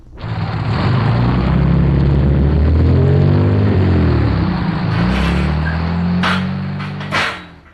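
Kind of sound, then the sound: vehicle, car approaching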